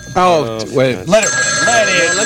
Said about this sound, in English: I wish that phone would stop ringing. Oh, well. You know, it's hard to get a word in. Well, people are calling.